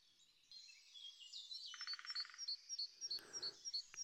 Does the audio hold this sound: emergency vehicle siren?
no